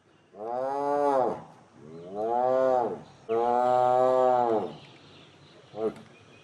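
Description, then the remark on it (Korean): A tiger roars three times in close succession, each call long, deep and loud with a drawn-out moaning tone, followed by a short grunt near the end; a tiger that attacked people, captured and caged. “사람을 해친 호랑이는 바로 포획해 가둔다.”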